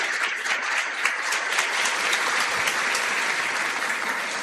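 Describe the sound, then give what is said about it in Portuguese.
A crowd claps steadily to welcome visitors and families, a dense, even wash of many hands with scattered sharper claps poking through, sustained at a constant loudness with no voices. “os filhos estão aqui, a todos, né, as nossas palmas, a nossa alegria de acolher vocês.”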